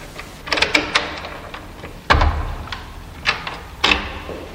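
A kitchen door is opened: a series of sharp mechanical clicks and rattles from the latch, a heavier thud midway, then a few more scattered knocks and creaks. No voices.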